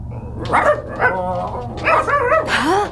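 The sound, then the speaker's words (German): A dog barks several times in short, sharp bursts, fairly loud, with a few higher yelping, whiny notes between the barks over a low steady hum. “Gibt's hier Hunde?”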